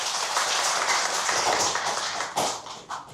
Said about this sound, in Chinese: 掌声欢迎郑京成先生。